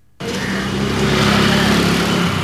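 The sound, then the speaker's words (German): Steady, loud street noise on a side street in downtown Delhi on a hot morning fades in after a brief silence: a continuous engine drone with the hum of motors and traffic filling the scene, no voices. “Eine Seitenstraße in Delhis Innenstadt.”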